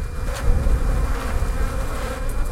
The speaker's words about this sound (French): Tiens, ça c'est très beau ça. Alors là, le cadre est presque couvert d'abeilles.